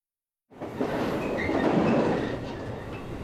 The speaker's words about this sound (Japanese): 電車が大きく揺れる。座っていても体がかしいだ。